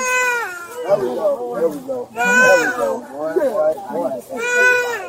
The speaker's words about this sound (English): Officers Clayton McWilliams and Veronica Jackson cleared the infant's airway, and the child soon began crying and breathing again